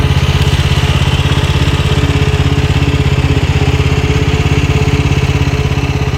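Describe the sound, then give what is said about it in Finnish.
A Beachtech Sweepy Hydro motorized beach-sweeping machine, like a snowblower combined with a ride-on lawnmower, runs steadily. Its engine gives off a loud, continuous rattling putter with a fast, even pulse and no talking. “Tätä vehjettä voisi ehkä kuvailla lumilingon ja päältä ajettavan ruohonleikkurin yhdistelmäksi. Se on siis moottorikäyttöinen laite”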